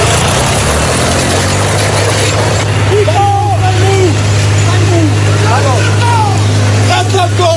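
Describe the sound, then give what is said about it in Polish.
A farmer's tractor engine idles steadily in Gliwice, Poland, filmed during an incident in which public road property was damaged, a continuous low chugging rumble running the whole time, while indistinct voices come and go in the background. “Ciągnik został odholowany na policyjny parking.”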